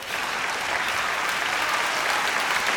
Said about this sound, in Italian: Facciamogli un applauso, sei stato grandissimo.